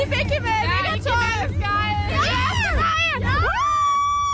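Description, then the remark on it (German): A dense crowd of high-pitched voices shrieks and screams continuously at a concert, overlapping wails rising and falling in pitch, loud with a low rumble beneath. “Weißt du, was ich jetzt meine auch mit dem Schreien?”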